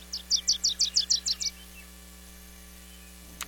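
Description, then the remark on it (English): A Wilson's warbler sings a quick, bright series of about nine sharp chattering notes lasting a second and a half, then falls silent over a faint steady background hum. “and you choose to buy shade-grown coffee, you're helping to preserve the wintering grounds of Wilson's warblers and many others.”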